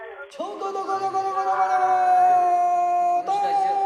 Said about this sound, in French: avec ce chant de marin enregistré en 1912 sur ce fleuve bleu, comme il était appelé à cette époque, qui est à 6 ans près celle de l'action du film.